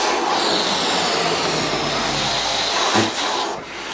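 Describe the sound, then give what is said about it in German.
Inflated balloons, among them a blue, a bright yellow and a red one, are let go on command in a balloon race game and whiz through the air with a steady, loud rushing hiss and a thin whistling edge, sputtering and fading slightly toward the end. No one speaks. “Und auf mein Kommando lasst ihr ihn flitschen. Dann saust er durch die Luft”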